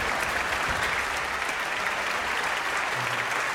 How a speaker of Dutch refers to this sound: En dan ook nog één keer een hartelijk applaus voor het Radio Fiel. En voor de dirigent Marcus Stentz.